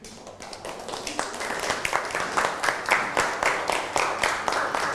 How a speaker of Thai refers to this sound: นั่งลงนะครับปรบมือให้กับเพื่อน